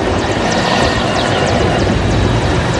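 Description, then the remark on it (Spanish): A helicopter passes overhead in Veracruz, Mexico, during naval rehearsals for a ceremony and parade, its loud, steady rotor and engine roar filling the scene without pause. No one speaks. “Durante la jornada, helicópteros sobrevolaron distintos puntos de la zona, mientras camiones castrenses y personal naval se desplegaron para continuar con las prácticas que serán presentadas durante el acto conmemorativo.”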